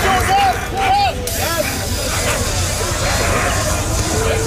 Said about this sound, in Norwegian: Her hører vi politiet I Paris spraye tåregass mot demonstranter. Politiet de presser på med skjold mot folk I gatene